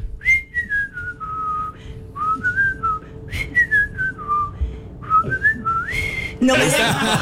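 Someone whistles a short melodic tune in clear, sliding tonal phrases, close by, repeating a simple falling and rising pattern before a burst of noisy rustle at the end.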